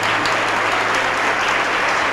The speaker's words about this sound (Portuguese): E vamos aplaudir sim. Essa é a primeira coisa que tem que acontecer. Entregar a vida para Jesus. Vamos aplaudir mais, está chegando mais gente.